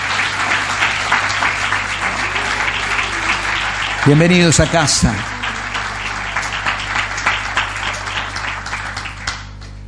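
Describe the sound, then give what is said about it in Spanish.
An audience applauds during a morning service in a steady, dense wash of clapping that fills the whole clip, while a man's voice briefly calls out over it midway. “Nos damos un buen aplauso en esta mañana.”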